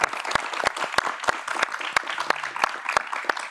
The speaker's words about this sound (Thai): ขอเสียงปรบมือให้กับทั้งสองคนด้วยนะครับ ขอบคุณครับ